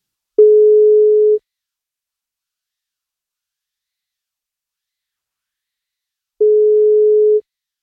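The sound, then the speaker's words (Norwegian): A telephone ringback tone sounds twice while a radio station phones a listener on her birthday for a morning wake-up call: two steady one-second beeps separated by a long silent pause, clear and moderately loud, with no voices. “I dag det Marie Mysund som får kaka hvis hun tar telefonen på 54-årsdagen sin”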